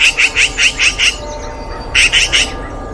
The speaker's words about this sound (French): Tu te promènes tranquillement dans un village et des cris t'interpellent. Tu n'as pourtant rien volé ! Oh, mais c'est une pie !